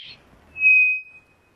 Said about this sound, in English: Slow modulation whistles.